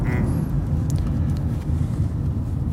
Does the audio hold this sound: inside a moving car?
yes